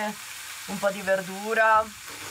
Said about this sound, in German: Sie ist Schlafzimmer und Küche zugleich. Normalerweise brät sich Fabio Eier, Kartoffeln und Speck.